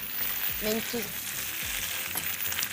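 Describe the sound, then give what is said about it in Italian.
Steady, loud sizzling of food puffing up and bursting while frying in hot oil, with dense crackling hiss throughout and a few low thumps and brief tonal clinks as it bubbles and puffs up. “Sì, si gonfia, esplode ed è, sarà la parte croccante e anche molto saporita del nostro piatto.”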